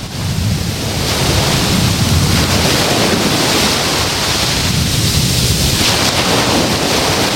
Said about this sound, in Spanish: El sonido de las olas del mar. Así es como hoy escuchamos la playa de Salobreña con viento de poniente.